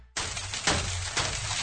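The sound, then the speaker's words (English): Hail pelts campers in a dense, loud, continuous clatter that starts abruptly and keeps hammering steadily, with a few harder bursts of impacts, and no voices. “Got you campers with a little hail.”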